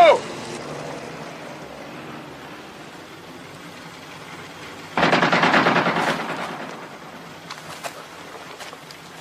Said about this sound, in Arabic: ربما رصاصات انذار سيدي.